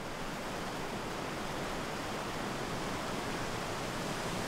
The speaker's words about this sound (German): Doch der Weißbach benimmt sich heute nicht wie ein Bach, sondern wie eine Bestie.